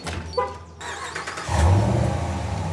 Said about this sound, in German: Ja, Sie können den Wagen von weiter weg starten. So können Sie sich jede Menge Zeit sparen.